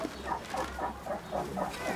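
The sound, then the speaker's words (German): Three meerkats give their typical food call, a rapid run of short, squeaky chirps and quacking calls, repeating several times a second at moderate volume over a steady low background rumble. “hört sich auch immer so ein bisschen quieken und quäken und klingeln und so. Das ist so ein typischer Erdmännchenruf, wenn es ums Futter geht.”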